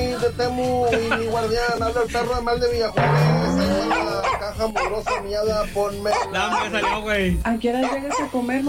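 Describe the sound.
A dog barks and yips repeatedly, with whimpering, whiny tones in between, while people talk over it in a busy, continuous stretch of sound.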